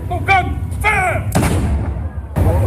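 A noon cannon salute fires at the Saluting Battery in the Upper Barrakka Gardens with a loud, deep boom that rumbles outdoors, followed by a second blast; brief shouted calls ring out beforehand.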